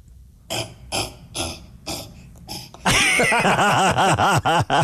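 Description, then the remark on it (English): A person imitates a cassowary with a series of low, throaty booming grunts, about five in a row, followed by a louder, continuous rumbling vocal call with repeated rising-and-falling swoops. “I'm curious, before we let you go, can you do a cassowary? Do they make a noise?”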